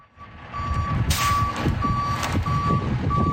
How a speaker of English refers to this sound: A tow truck backing in and then winching one of the four damaged vehicles.